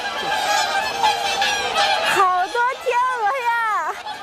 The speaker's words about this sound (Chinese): 哎呦，刚才何师傅说怕它们受伤了，翅膀折断了，还真有天鹅在打架。